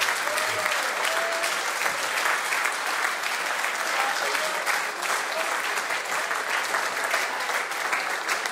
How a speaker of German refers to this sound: Der Applaus will nicht enden.